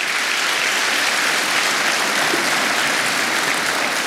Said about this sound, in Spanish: Vamos, si va a aplaudir al Señor, hágalo para Él.